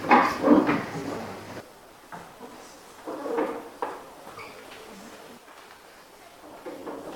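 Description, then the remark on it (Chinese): Several drawers are pulled open one after another by students in a cooking class, to take out sleeve covers: a loud cluster of sliding scrapes and knocks at first, then scattered, fainter rattles and thuds from different spots. “我们首先需要佩戴好我们各自的，需要佩戴好我们的袖套，大家请把这个抽屉打开。”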